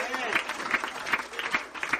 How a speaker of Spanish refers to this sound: Si usted va a aplaudir, hágalo. Y si no puede hacerlo, pues escuche lo que Dios le va a hablar en esta hora.